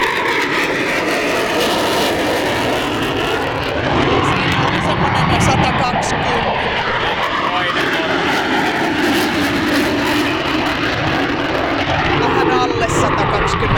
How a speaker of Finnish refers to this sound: Tämäkin oli Tornado. Eli ainakin saksalaiset hävittäjät, Tornado ja Eurofighter, niin semmoista 120 desibeliä melua pitävät noustessa.